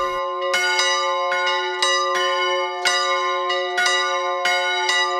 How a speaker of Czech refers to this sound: Svatební zvony se na kostelní věži v Hostinném rozezněly pro Květu a Vladimíra Kučerovi 21. dubna 1973.